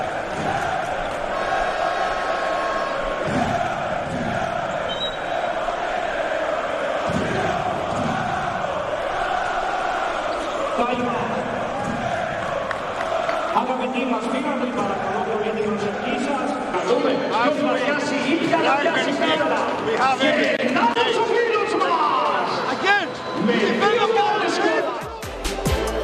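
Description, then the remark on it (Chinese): A large arena crowd at a Monaco team's game roars and cheers steadily for the full stretch, applauding a player who went up into the stands, a dense wash of voices and clapping with rising chant-like swells, loud and continuous without pause. “哦，这球，奥尔是上到了观众席，大家对他是大加赞赏，报以掌声和欢呼。”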